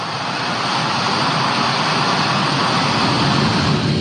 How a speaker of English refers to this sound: The last C-17 lifted off from Hamid Karzai International Airport on August 30th, this afternoon